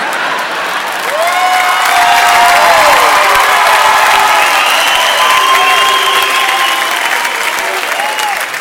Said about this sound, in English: Booing it doesn't make it less true.